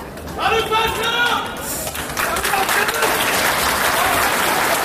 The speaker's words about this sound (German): aber als dann die ersten Angeklagten den Gerichtssaal betreten, heftiges Winken und Namenrufen von einem Ende des Saales zum anderen, jeder Inhaftierte erhält seinen Applaus.